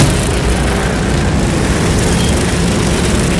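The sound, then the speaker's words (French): A dense, continuous, loud roar of racing lawn tractor engines during a 24-hour endurance race at Église-Neuve-Prébillon in the Puy-de-Dôme, France, blending into a steady mechanical din with no pauses and no voices. “Le tonnerre des moteurs, un épais nuage de poussière et une légère odeur d'essence.”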